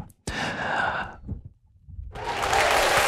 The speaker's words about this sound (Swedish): Och de applåderna var inte från kommunfullmäktige. Det kunde ha varit där, eller hur? Borde ha varit där.